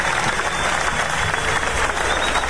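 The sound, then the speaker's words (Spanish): Sustained applause from a large audience at a church service, praising the Lord, a dense, steady wash of many hands clapping at once, loud, with no pauses, filling the whole stretch. “Levante su aplauso al Señor.”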